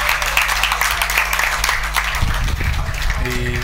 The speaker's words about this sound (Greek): Υποβασταζόμενη. Δέχεται και το χειροκρότημα εδώ από όλο τον κόσμο. Δεν μπορεί να πατήσει το δεξί της πόδι.